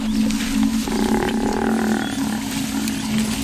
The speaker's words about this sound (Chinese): 非洲水牛呼唤同伴的叫声打破了清晨的宁静，斑鬣狗听到了非洲水牛的求救声